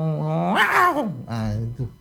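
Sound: voice imitating cats fighting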